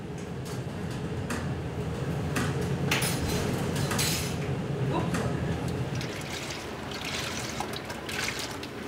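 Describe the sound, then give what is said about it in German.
Kitchen work over a steady low rumble: running water trickles while dishes and cutlery clink and clatter in scattered bursts, with faint muffled voices in the background. Lunch is being prepared in the galley of the ship Bad Düben, near the Dutch border, in 4-metre waves. “In der Kombüse wird das Mittagessen vorbereitet, bei 4 Meter Welle.”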